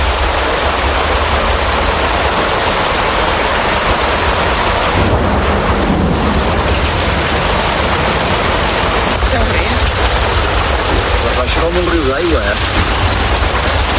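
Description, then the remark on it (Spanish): A heavy rainstorm, the storm that brought on a flood, pours down in a dense, steady roar that fills the whole recording. Faint voices can be heard briefly beneath the downpour near the end. “Esa tarde íbamos a una cena para despedirnos ya de mi tío y mi primo, concretamente, y nos cogió la tormenta en medio de todo y como consecuencia la riada.”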